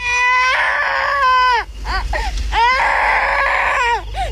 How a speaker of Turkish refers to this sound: Duydun mu? Bir çocuk ağlıyor. Evet, oradan geliyor.